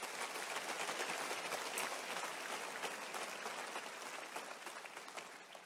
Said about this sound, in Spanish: Y termino. Dale un aplauso al Señor en esta hora.